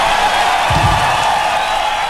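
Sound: audience applause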